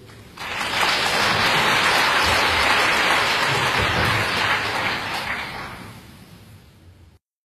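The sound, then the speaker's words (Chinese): An audience applauds steadily to welcome performers to the stage, with dense clapping that holds loud for several seconds before fading gradually toward the end. No voices are heard. “那么接下来就让我们掌声有请飞东阳和张毅张老师先给我们演绎”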